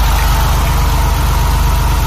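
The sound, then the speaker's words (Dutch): The engine of a vintage white Porsche 911 with orange stripes, once used by the Dutch Rijkspolitie from the 1960s to the 1990s, idles steadily: a loud, even low-pitched rumble with a fast regular pulsing throb and no voices. “Even de motor horen voor de liefhebbers.”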